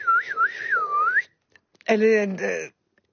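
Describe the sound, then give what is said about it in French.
A woman whistles like a blackbird, a lilting phrase that swoops up and down in pitch for just over a second. After a short pause comes a brief voiced sound, then silence. “C'est vraiment comme un oiseau. À un moment, elle dit « oui, comme le merle ».”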